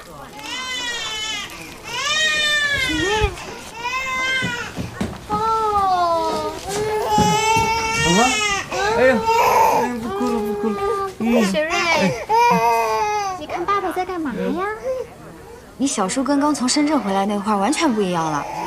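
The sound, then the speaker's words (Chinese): A baby cries loudly, wailing in long rising and falling bursts with short gasping breaks, continuing for the whole stretch with only a brief pause near the end. “哎呀，不哭了不哭了！”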